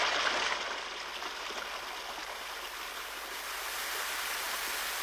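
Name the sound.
flowing stream water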